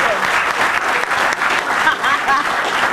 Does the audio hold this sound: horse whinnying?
no